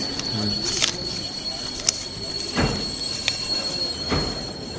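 Inside a busy train station, a steady metallic rail hum carries a sustained high-pitched wheel squeal, with a few sharp clanks and thuds punctuating the background.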